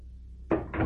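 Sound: door being opened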